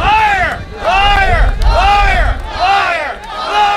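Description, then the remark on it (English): A protest crowd on the steps of Confederation Building boos and shouts "liar" in a loud, rhythmic chant, repeated about five times in quick succession over a rumbling background of many voices, protesting the government's deal with Hydro-Québec on the Churchill Falls Agreement. “Protesters booed and shouted liar as they denounced government's about turn on holding a referendum on the deal.”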